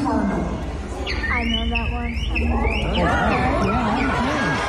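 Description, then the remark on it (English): At a talent show, a man whistles an imitation of a Northern Cardinal's song: a series of clear, slurred whistled notes sweeping up and down in quick repetition, with voice-like tones mixed in. “Then he did his favorite, as you hear him say here, the Northern Cardinal.”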